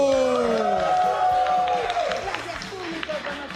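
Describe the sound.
On the radio program El show de la tierra, an audience claps and cheers steadily, a dense wash of applause with shouting voices and high whoops riding on top, staying loud throughout before easing slightly at the end.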